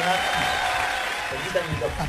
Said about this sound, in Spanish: Voy a pedir ahora un fuerte aplauso para el señor y darle la bienvenida al piso de Fuera de Fase